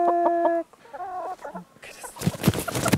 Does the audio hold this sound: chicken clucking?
yes